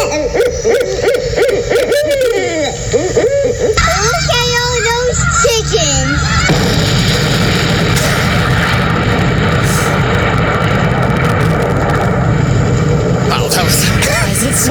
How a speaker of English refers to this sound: That's it. It's just a long, a long explosion. It's just a long explosion that trails out over time.